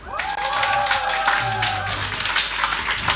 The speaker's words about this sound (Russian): Послушайте, люди добрые, если вы считаете, что у человека с вокалом все в порядке, давайте изобразим аплодисменты.